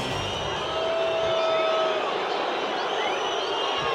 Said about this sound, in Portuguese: Vaias. Torcedor do Palmeiras não está satisfeito com a apresentação e com o resultado.